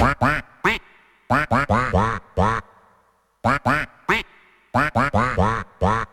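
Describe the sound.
A person imitates a duck, quacking a song into a microphone for listeners to identify: rhythmic bursts of nasal quacks shaped into a melody, in two phrases separated by a short pause, loud and up front.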